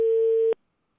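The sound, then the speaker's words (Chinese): A single steady telephone ringback tone sounds clearly for about half a second, a pure electronic beep on an outgoing call from a Hunan Traffic Channel live radio program to the local housing and construction bureau, then cuts off into silence with no voices. “电话都打通了，还有啥？”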